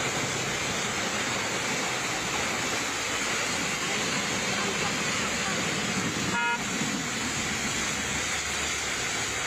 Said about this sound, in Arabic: يعني هي حصلت في سوريا، قد تحصل في بلدان عدة، حينما ينكسر أنبوب ضخ المياه وتخرج المياه ويأتي سائقون ويصفوا في طابور لغسل